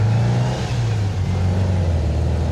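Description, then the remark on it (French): A vintage Volkswagen Beetle, its engine tin panels and sound insulation removed, revs with a loud, low, buzzing rumble, its pitch wavering and dipping briefly before climbing back to a steady drone. No one speaks. “C'est vachement bruyant parce qu'il y a toutes les tôles moteurs, tout ça, tout a été viré.”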